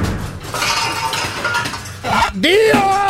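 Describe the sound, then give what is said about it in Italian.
Pots and pans clank and rattle in a dense, continuous metallic clatter, fairly loud, with a brief voice-like cry rising near the end. “Un fottutissimo corpo di pentole! Faccio un casino della Madonna!”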